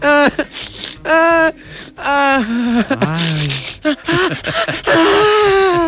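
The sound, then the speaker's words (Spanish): A young woman cries loudly, with drawn-out wavering wails broken by short sobbing gasps, intense, with no other voices or sounds. “Esa muchacha llorando.”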